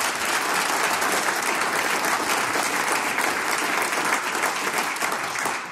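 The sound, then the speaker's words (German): Sustained applause from a crowd for volunteer brass band musicians seated on stage, a dense, steady patter of many hands clapping at an even loudness for several seconds without letting up. “Gratulation und großen Applaus für dieses ehrenamtliche Engagement.”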